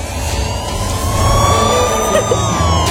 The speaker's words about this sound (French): C'est à Manhattan, mais il y a un peu de trafic là actuellement sur la route.